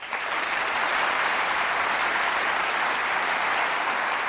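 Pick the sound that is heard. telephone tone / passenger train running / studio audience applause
studio audience applause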